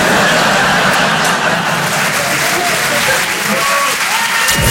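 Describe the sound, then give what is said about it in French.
A large audience in Paris applauds loudly and steadily, dense clapping filling the whole stretch without pause, with some crowd noise mixed into the rush of hands. “Voilà, n'applaudissez pas sur ça, on est à Paris, je sais.”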